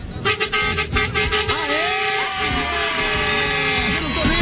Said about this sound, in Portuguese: Caramba, bora começar, mano, o buzinaço. Vai que vai. Começou. Vai.